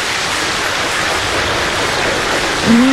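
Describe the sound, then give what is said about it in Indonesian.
A dense, steady roar of clapping from a large crowd fills the whole stretch, loud and unbroken, with a voice just beginning to come in at the very end. The applause is given to the fastest correct answer in a song-guessing quiz. “Dan jawapannya untuk teka lagu berganda hari ini, seperti mana yang dihantarkan oleh penghantar jawapan yang terpantas, kita nak beri tepukan yang gemuruh okay, kepada Kimi Batu Rakit lah.”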